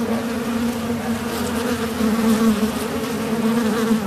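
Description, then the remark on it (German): A steady drone of many wasps buzzing together around their nest in a cavity on the outside facade of a house at the second floor, as powder is pumped into the gap where they fly in and out; a continuous humming swarm with slight swells in loudness and no voices. “pumpt das Pulver in den Spalt, wo die Wespe rein- und rausfliegen”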